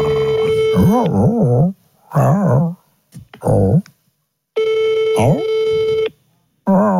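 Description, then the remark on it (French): A telephone ringing tone sounds in steady, repeated bursts with pauses between them, and no one picks up. A dog howls along over the tone, its voice rising and falling in wavering arcs. “Elle répond pas.”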